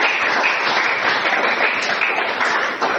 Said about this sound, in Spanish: Dele fuerte el aplauso al Señor en esta hora.